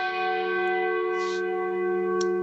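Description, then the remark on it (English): A church bell rings out with a long, sustained tone, its rich overtones humming steadily and evenly for the whole moment, with no voices present. “Here's a church bell.”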